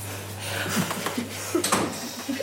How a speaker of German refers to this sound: Und Tür zu machen.